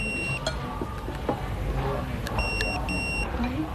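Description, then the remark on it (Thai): A telephone rings with shrill electronic trills in several short, evenly spaced bursts over a low rumbling background with faint indistinct voices. “สักเรียกนะคะเดี๋ยวบนขอตัวไปโทรศัพท์ก่อนนะคะ”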